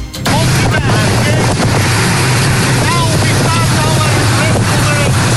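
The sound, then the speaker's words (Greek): A Greek coast guard boat's engine drones steadily and loudly at sea near Gavdos, Greece, as it picks up and transports migrants, with wind buffeting the microphone and water rushing past; faint voices can be heard beneath the noise. “Το σκάφος του λιμενικού τους παραλαμβάνει και τους μεταφέρει με ασφάλεια σε προσωρινή δομή φιλοξενίας.”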